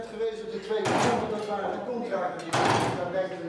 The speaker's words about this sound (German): Sekunde um Sekunde wie Hammerschläge. Das Uhrwerk, alte analoge Technik, aber präzise und mit dem Glockenspiel verbunden, das zu festen Zeiten erklingt.